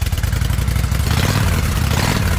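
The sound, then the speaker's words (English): A motorcycle engine revs loudly, its deep throaty rumble pulsing steadily for a couple of seconds with a slight rise in pitch, no voices present. “Can you hear it? The road is calling. Is your bike ready?”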